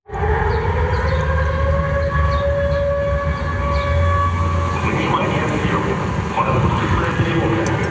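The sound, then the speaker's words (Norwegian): A loud drone air raid alarm siren sounds continuously in Sevastopol, Crimea, warning of incoming Ukrainian drones, its steady, sustained tones holding over a dense low rumble of background noise for the whole stretch. “Dronealarmen går mens NRKs reportageteam är i Sevastopol, den största byn på Krim.”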